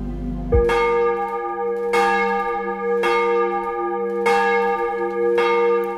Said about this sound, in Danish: Klokkerne ringer til morgenandagt fra Vor Frue Kirke i København.